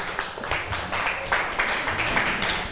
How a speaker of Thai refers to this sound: ขอบคุณทั้งกลุ่ม2และกลุ่ม5ค่ะเชิญค่ะปรบมือให้เพื่อนหน่อย